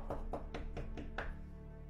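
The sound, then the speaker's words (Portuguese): Six quick, evenly spaced knocks on a door rap out in a steady rhythm, then stop, leaving a low background hum for the rest of the moment. “Eis que estou batendo a porta.”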